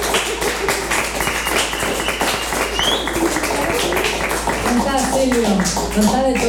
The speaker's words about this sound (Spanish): Gracias por estar aquí, compartir. Un gran aplauso para …. Gracias.